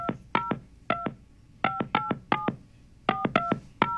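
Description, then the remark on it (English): The Meat Institute's phone number is dialed on a keypad: a quick series of short, mid-pitched touch-tone beeps, grouped in uneven clusters, each a clean electronic tone with no voices. “I think it's time for me to make a call and just put an end to all this.”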